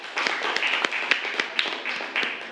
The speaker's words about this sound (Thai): ครับขอเสียงปรบมือให้เพื่อนหน่อยครับ